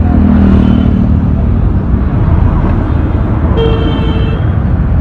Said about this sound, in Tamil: வண்டிங்கள மேலேயே விட்டுருவாங்க போல இருக்குது பஸ் ஸ்டாப் போறதுக்குள்ள. என்னென்ன காது பிஞ்சிடும் போல இருக்கு, இப்படி ஹாரன் அடிக்கிறாங்க பா, கேட்கவே ஒரே கடுப்பா இருக்குனே.